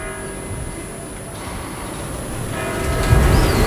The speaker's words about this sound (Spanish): Son las 8. Mira, escucha las campanas.